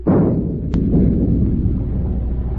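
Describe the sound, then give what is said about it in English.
A ship's forward gun fires a single warning shot across the bow of a fishing boat to make it stop, a heavy boom that rolls into a long, low rumble, with a brief sharp crack partway through the fading roar. “Forward gun loaded. Fire a shot across her bow.”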